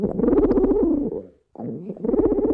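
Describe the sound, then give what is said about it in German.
A pigeon coos in low, throaty, rolling phrases, pausing briefly before starting another burbling coo. “Hat Tyrannosaurus Rex vielleicht gegurrt, so ähnlich wie Tauben es tun?”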